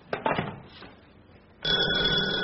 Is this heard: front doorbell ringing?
yes